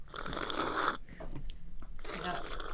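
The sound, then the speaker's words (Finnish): Loud crunching and chewing of people eating apples, in two dense bursts separated by a quieter pause with a few small mouth sounds. “Mitä te syötte nyt? Omenaa ja omenaa.”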